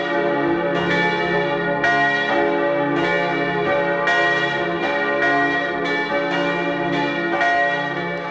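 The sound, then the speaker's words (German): Several bells of the Church of St. Anthony in Mellau, Vorarlberg, peal together at 12 noon in an overlapping, steady rhythm, strikes landing roughly every second with long ringing overtones that blend into a dense, resonant wash. No voices are heard. “Sie hören die Glocken der Kirche zum heiligen Antonius in Mellau in Vorarlberg.”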